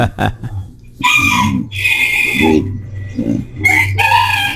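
A rooster crows loudly, a few drawn-out harmonic calls in quick succession with brief pauses between them, over a low background hum.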